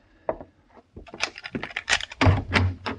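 A hotel room door at the Carlton Hotel in San Francisco, 1875, being unlocked and opened: a quick run of sharp metallic clicks and rattles from the lock, ending in a heavier thunk as the door swings free.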